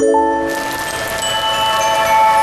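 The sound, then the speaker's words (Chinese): A steady, even hiss of rain falling in a desert sets in after a brief moment and keeps falling throughout, with sustained musical tones ringing underneath. “我正式宣布，终于下雨了。”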